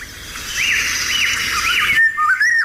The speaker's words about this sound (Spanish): Esto escuchado en un amanecer, porque es cuando canta, un amanecer en el campo, si estamos cerca de un río, porque es un pájaro de soto, fíjate qué bonito, de bosque de ribera, fresnedas, saucedas, alamedas, choperas, ahí vive... La oropéndola.